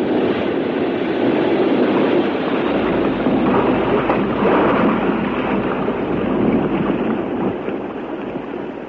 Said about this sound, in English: The submarine was shaken by violent shocks, just as it was when those magnetic bombs were released